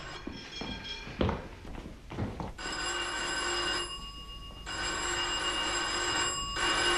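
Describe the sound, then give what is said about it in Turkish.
A doorbell at a doctor's practice rings again and again in long, steady electric bursts with brief pauses between them, bright and sustained, and no one answers. A few footsteps and light taps come before the ringing starts. “Aa, yeter oğlum, sürekli çalma zili.”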